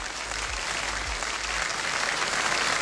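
A crowd claps steadily throughout, a dense wash of hand claps with no pauses and loud, even volume from start to finish.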